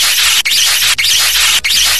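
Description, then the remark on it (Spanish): A blown kiss: four loud, breathy, hissing puffs of air follow one another in quick succession, each broken by a brief pause, with no talking. “¿Puedes mandarme un beso, mi amor? Claro. Gracias. Ahí te va, mira.”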